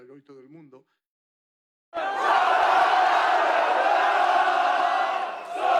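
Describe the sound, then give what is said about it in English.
A brief spoken voice, a second of silence, then a loud, sustained roar of a big crowd of Spanish football fans cheering and chanting together under the High Line in Manhattan, New York, dense and continuous until the end. “The Argentinian fans might have taken over Times Square, but the Spanish fans found their own iconic venue in Manhattan to cheer on their side under New York's High Line.”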